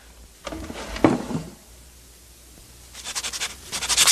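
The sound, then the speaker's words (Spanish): A few soft knocks and rummaging clatter, then after a pause a quick run of scratchy strokes of a pencil writing a note on paper, growing slightly louder. “¿Dónde hay un lápiz y un papel?”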